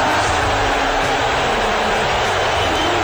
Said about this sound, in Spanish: Está mal el abucheo, ¿eh? Un abucheo atronador. Rápidamente han cambiado. Han quitado la imagen de Trump.